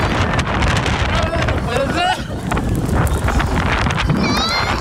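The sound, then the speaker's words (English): Loud, steady roaring wind buffets the microphone without letup, with rattling noise and high, wavering cries and shouting voices rising through a storm, as many people are stuck about 250 feet in the air on the Supergirl Skyflight ride at Six Flags in Mexico. “When a whole bunch of people got stuck on a ride about 250 feet in the air in the middle of a storm.”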